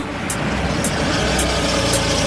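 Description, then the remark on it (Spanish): A car engine rumbles steadily as the vehicle pulls up, with a faint high ticking or hiss recurring about twice a second over the low idle. “What's that? A car is pulling up.”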